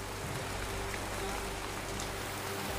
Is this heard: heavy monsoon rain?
yes